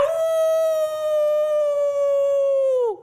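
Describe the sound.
A person lets out one long, loud, steady howl in imitation of a dog, holding a single pitch for about three seconds before it bends downward and cuts off.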